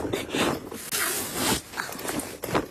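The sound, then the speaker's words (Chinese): A double-shoulder backpack is unzipped and pulled open, with a few quick raspy zipper pulls and rustling, in uneven bursts with short pauses between them. “把背包快给我吧。”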